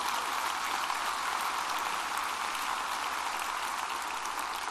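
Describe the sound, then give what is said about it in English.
Steady, dense applause from a large crowd for a team leading a student experience effort out of Leadership Studies fills the whole stretch, many hands clapping at once in a continuous wash of sound with no voices over it. “Let's give Mary and that team a big round of applause.”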